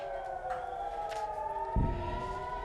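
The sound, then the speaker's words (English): Air raid sirens wail steadily in sustained overlapping tones across an open area in northern Israel during an Iranian ballistic missile strike, as Israeli air defenses intercept the missiles, with a brief low thump near the end and no voices. “Yeah, you can hear there those air raid sirens sounding over northern Israel earlier as Israeli air defenses intercepted those ballistic missiles.”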